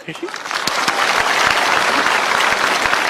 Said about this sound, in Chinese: 鼓掌。